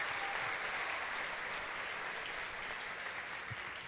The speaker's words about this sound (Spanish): Un aplauso para ellos.